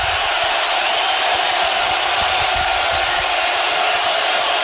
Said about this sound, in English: Yeah, it's going to make it louder. Listen to this crowd. This is unbelievable.